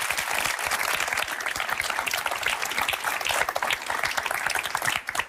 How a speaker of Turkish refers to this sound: Bir alkış. Bir alkış.